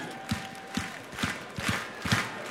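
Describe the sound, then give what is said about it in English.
An audience claps together in a steady rhythm, about six sharp claps spaced roughly half a second apart, over a faint crowd murmur. “Can I get a clap like this right here?”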